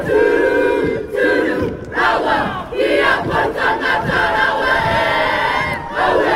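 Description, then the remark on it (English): A haka performed before a crowd: many voices chant and shout forcefully in unison, with loud rhythmic bursts and brief pauses between phrases, and crowd noise underneath. “And I thought the support and, you know, the haka actually set me off too.”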